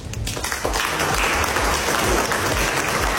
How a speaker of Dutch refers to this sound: President Trump was in Frankrijk, waar hij zijn krabbel zette tijdens een diner in Versailles. Daarna was er applaus, onder meer van zijn collega Macron.